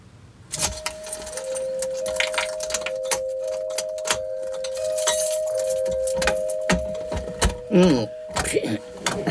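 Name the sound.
keys jangling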